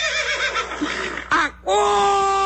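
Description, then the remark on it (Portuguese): A horse whinnies loudly, a shaky, quavering neigh that breaks off briefly, then ends in a sustained, steady high call. “Acorda, cavalo.”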